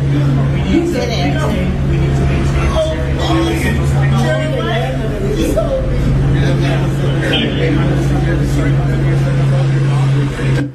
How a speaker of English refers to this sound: And I think they got the helicopter up. Yeah, that's nice. Hear it? Hear the helicopter? Yeah.